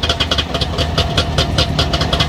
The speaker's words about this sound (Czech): Dvojtakt. Trabantík. To je vozidlo.